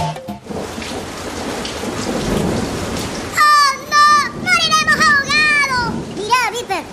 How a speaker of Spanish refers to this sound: Agua dentro de la carpa. ¡Oh! Está lloviendo cada vez más fuerte.